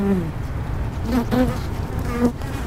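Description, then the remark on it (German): Bees kept at the University of Hamburg buzz in a steady, continuous drone, the pitch wavering and swelling as individual insects drift nearer and away. No voices are heard. “Eines darf man aber nicht, sagt der Herr der Bienen an der Uni Hamburg. Man darf seine Schützlinge auf keinen Fall anpusten.”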